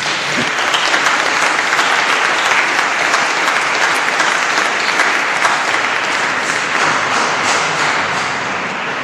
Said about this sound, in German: Danke, Maria. Applaus.